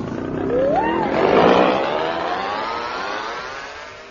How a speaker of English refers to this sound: Come now, hold this outboard motor.